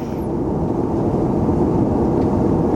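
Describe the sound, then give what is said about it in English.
Steady, dense low-frequency roar of an airplane cabin in flight, a constant engine drone filling the space evenly with no voices or breaks. “And we're on a plane, and we're not sure.”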